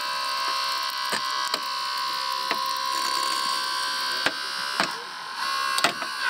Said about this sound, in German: Hast du schon eine Kinderschere? Genauso funktioniert das jetzt auch, nur dass wir das Auto kaputt schneiden.